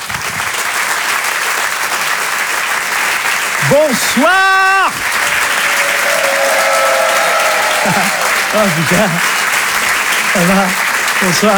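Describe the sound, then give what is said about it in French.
Loud, sustained applause from a large audience welcoming comedian Laurent Barra at a Rire et Chanson show, steady and dense, while a man's voice briefly calls out a greeting and starts speaking over it. “Je vous demande de l'applaudir très très fort, s'il vous plaît.”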